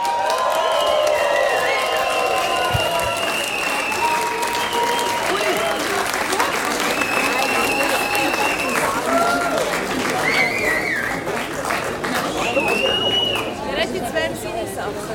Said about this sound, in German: Und mit einem riesigen Applaus jetzt auf unserer Bühne begrüßen.